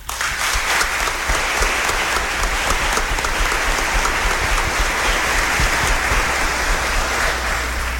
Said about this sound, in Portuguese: Obrigado pelas palavras de acolhida, pelas palmas.